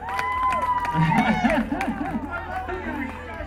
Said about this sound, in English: What a crowd, man. Jeez. I gotta give you guys an applaud. Yeah.